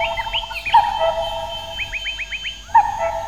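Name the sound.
cuckoo calling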